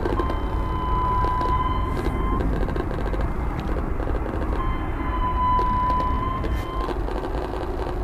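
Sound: airplane passing overhead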